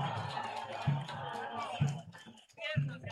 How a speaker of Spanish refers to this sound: Se gana el aplauso del público, el jugador Chapiama.